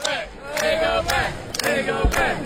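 An audience at a live show chants together in a loud, sustained call, punctuated by sharp, regularly spaced claps roughly every half second. A persistent high-pitched whine sits underneath throughout.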